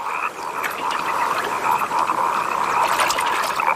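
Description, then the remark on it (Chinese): A dense chorus of wood frogs croaks continuously during their few days of paired breeding, many overlapping clucking calls forming a steady mid-pitched din with no voices, a faint watery trickle underneath. “林蛙抱对繁殖只持续几天时间，这种短时间内大量繁殖的行为也被称为爆炸式生殖。”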